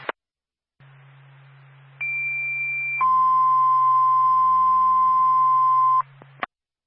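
A fire dispatch paging alert over radio for the Twin States and Littleton fire departments: a steady higher tone for about a second, then a longer, lower sustained tone, riding on a low hum and bracketed by transmission clicks.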